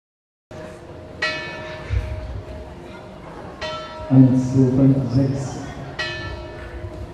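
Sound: church bells ringing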